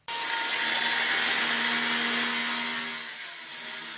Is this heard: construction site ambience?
yes